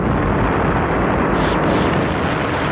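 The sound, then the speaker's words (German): A gigantic explosion roars at full force as an energy monster bursts into a thousand pieces after 4 million kilowatts are sent into it through a long wire cable. The blast is dense, loud and rumbling, sustains without letup, and comes with a bright flash that lights up the whole planet. No voices. “Eine gigantische Explosion, gefolgt von einem grellen Blitz, der den gesamten Planeten erhellte, ließ das Monster in 1000 Stücke bersten.”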